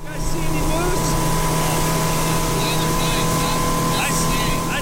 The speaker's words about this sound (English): is piloting his boat along the choppy Kenai River to his favorite fishing spot.